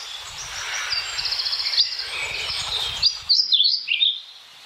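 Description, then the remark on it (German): A pied flycatcher sings a quick, high, sweet phrase of repeated chirping notes with a few sharper whistled upsweeps at the end, clear, with a faint low rumble underneath and no talking. “Dann der Trauerschnäpper.”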